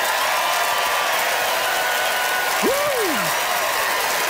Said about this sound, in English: All right, it's time to vote by applause. How many of you, like Deborah, rule in favor of breaking the rules? Deborah Kimmett.